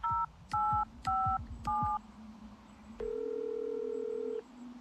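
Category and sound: signal or alarm, telephone number being dialed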